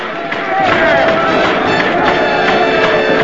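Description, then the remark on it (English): A loud, dense convention crowd roars with enthusiastic cheering and overlapping shouts as people leap up and down over a congressional nomination, a steady wall of voices that swells after a brief quieter opening and holds strong throughout. “raises his hand towards the chairman and clamors to be heard above the noise of the crowd.”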